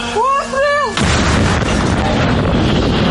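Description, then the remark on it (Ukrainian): A voice shouts a brief command, then an artillery gun, prepared by artillery cadets at a firing position, fires one loud blast that rolls into a long, noisy rumble filling the rest of the moment. “Курсанти-артилеристи злагоджено готують гармату на вогневій позиції. Гармата!”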